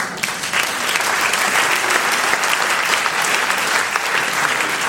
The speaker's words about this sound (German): Applaus